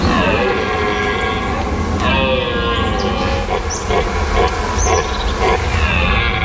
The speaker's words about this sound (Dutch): Maar dit zijn dus herten, de lokroep van de mannetjesherten naar de vrouwtjes.